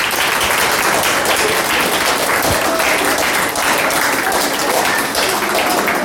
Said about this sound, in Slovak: takže ešte jeden veľký aplauz